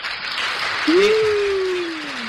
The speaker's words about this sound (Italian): Allora un applauso. Piacere. Un applauso a entrambi.